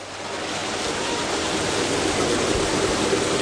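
Steady rushing water fills the scene, a dense, continuous flow as muddy creek water pours through the chambers of a water filtration unit at Long's Creek in Auburn, Nebraska, loud, with a slight swell in volume as it goes on.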